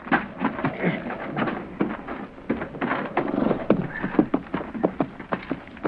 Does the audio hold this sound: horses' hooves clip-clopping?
yes